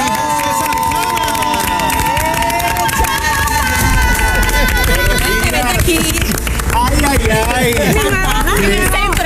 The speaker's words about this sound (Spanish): Vamos a recibir con un fuerte aplauso a los compañeros